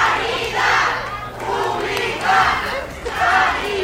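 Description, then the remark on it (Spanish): A crowd of protesting workers of Hospital Ramón y Cajal in Madrid chants in unison, shouting 'Sanidad Pública' as they receive regional president Isabel Díaz Ayuso on her arrival: loud rhythmic shouted phrases repeating about once per second with a steady roar of voices between them. “Esta mañana visitaba el nuevo servicio de cardiología Madrid 365 y así lo escuchan al grito de Sanidad Pública la han recibido.”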